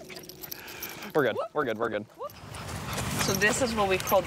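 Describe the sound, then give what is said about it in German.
Dogs whimper and bark in a quick cluster of high, strained yelps, then keep whining more softly over rustling and shuffling noise, as they are taken out for a walk in New York State. “In New York State müssen die Hunde von Nicks Mutter Paula mal raus”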